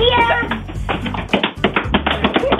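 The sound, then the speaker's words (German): A series of sharp knocks against a wall, struck in quick, uneven succession, with a busy murmur of background voices underneath. “Eure Wochenend-Frühaufsteheraufgabe heute ist gegen eine Wand klopfen.”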